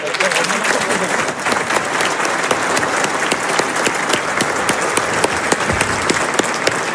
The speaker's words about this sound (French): Et je vous demande de les applaudir pour leur rendre hommage.